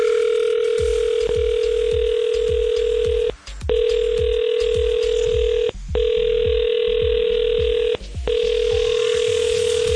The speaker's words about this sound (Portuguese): Esta semana ninguém atendeu o telefone